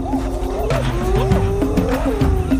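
Spotted hyenas calling to summon companions to food, with several overlapping mid-pitched tonal whoops that swoop up and down, sounding continuously over a low rumbling background with no talking.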